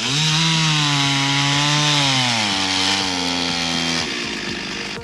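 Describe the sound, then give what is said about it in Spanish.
A chainsaw runs loud, its engine droning steadily and shifting pitch as it bogs down into wood, cutting up a large fallen tree on Circunvalación Sur opposite the El Trébol supermarket in Valdivia, operated by the municipal contractor Cerfocón, with no voices over it. “No, a esta hora de la tarde en Circunvalación Sur, frente al supermercado El Trébol, donde cayó un árbol de importante envergadura, está trabajando una motosierra.”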